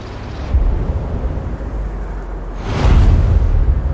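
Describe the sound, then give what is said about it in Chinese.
Strong wind of force 6 or above roars across the Gobi desert in the Hami North Gobi wind zone, one of Xinjiang's nine major wind zones in China: a steady rushing, rumbling noise with no voices, swelling into a louder, howling gust about two-thirds of the way through. “6级以上的呼啸是这片戈壁亘古的呼吸。”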